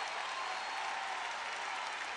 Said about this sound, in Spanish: ¡Fuerte el aplauso! Gracias, gracias.